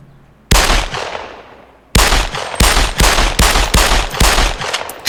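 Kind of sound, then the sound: sound effect, gunshot sound effects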